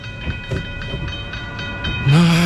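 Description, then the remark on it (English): A train rumbles past a level crossing with a steady, rhythmic clatter of wheels over rails, then a loud, low horn blast cuts in and holds to the end. “If traffic is crawling, stop before the crossing. Wait till the tracks are clear.”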